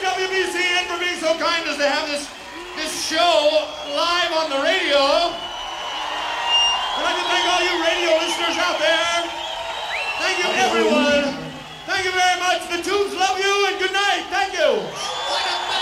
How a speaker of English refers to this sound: The crowd going crazy here this Halloween 1981.